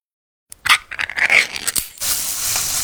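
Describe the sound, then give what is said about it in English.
A half second of silence, then a burst of crackling and popping before a steady, bright hiss takes over as Spam canned meat sizzles in a hot pan. No voices. “That's the Spam brand singing you a love song. Spam, sizzle,”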